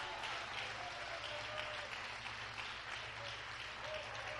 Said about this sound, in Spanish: No, hombre, si yo fuera usted, le diera ese aplauso con más gozo al Señor.